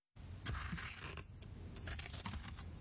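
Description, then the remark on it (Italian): Scissors cut through paper, a run of crisp, scratchy snips and rustles repeating unevenly for a few seconds with no one talking. “Stavo tagliando la carta con le forbici.”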